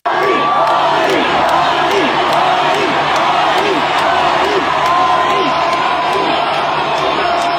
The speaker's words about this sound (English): 100,000 fans chanting his name. Could you imagine?